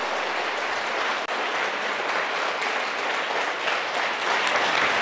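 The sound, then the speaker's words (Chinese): A room full of people claps steadily for several seconds for a teacher who is nearly 90, a dense, even wash of applause that stays loud throughout with no voices breaking through. “我们为他90岁鼓掌一下好不好？”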